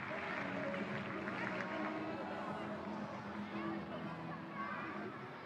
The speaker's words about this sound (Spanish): El público de Lisboa volcado con su jinete, animándole con un fuerte aplauso antes de arrancar el recorrido con dourados.